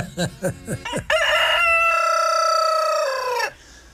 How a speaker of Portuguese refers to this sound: E o nosso galo cinza, agora tá, não é só o galo, agora está tudo cinza.